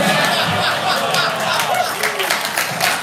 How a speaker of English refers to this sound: Who yelled woo? That's not worth yelling woo. You're too free with your woos, sir. Yeah, exactly. Giving away woos like they're nothing.